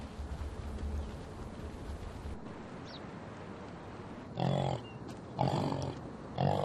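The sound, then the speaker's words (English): A yak in the Pamir gives a few low, snort-like grunts in bursts over steady outdoor rumble, with short pauses between the cries. “Their cry is different from a cow, sounding closer to a pig's snort.”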